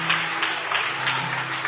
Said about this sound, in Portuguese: Se quiser aplaudir, vai aplaudir ao Senhor, aplauda. Aplauda ele.